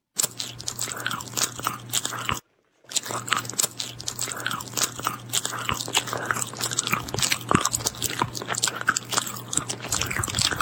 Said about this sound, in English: Chewing is a common sound that falls under the misophonia banner that drives people absolutely batty.